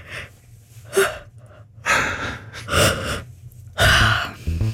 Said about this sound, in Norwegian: Klarer du å fremprovosere et gjesp uten videre? Ja, det tror jeg. Jeg bare trekker ut på kjeven.